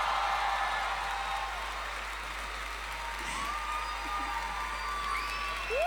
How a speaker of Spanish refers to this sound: ¡Aplauso!